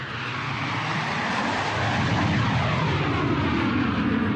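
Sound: airplane engine sound effect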